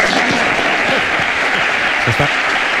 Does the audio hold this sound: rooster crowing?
no